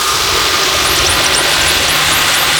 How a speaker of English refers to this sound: But there are parts, like this isn't even the loudest that I've heard it go. There are parts where it basically sounds like you're standing right next to a small jet engine.